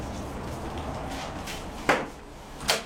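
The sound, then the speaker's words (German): The door of the Goethe-Institut in Lisbon being opened, heard as two sharp clicks about a second apart, the latch and handle snapping against a steady low background hum with no voices. “öffnet die Tür des Goethe-Instituts in Lissabon und läuft ein paar Treppenstufen hinunter.”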